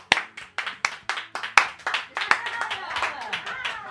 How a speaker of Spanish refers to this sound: Vaya bien que aplaudes, chaval. A vero. Vaya bien que aplaudes. Vaya manos, chaval. Aplaude. A vero. Aplaude, aplaude.